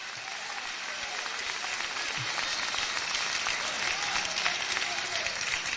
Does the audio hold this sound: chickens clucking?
no